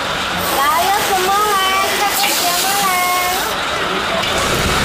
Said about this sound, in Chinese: 就是这样哦，下雨没有办法，下雨就没有人在路边。